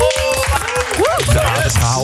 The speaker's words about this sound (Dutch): Dan nu applaus voor mij. Ik heb het namelijk ook gehaald.